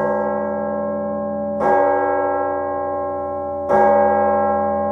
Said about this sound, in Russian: Оканчивая день, медленно ударил колокол на вышке дворцовой церкви. Колокол звонил к вечерне.